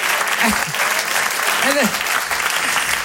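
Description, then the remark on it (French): Steady audience applause, a dense crackle of many hands clapping throughout, with a few brief voice-like tones rising and falling underneath. “On peut l'applaudir quand même, parce que depuis le début, c'est quand même.”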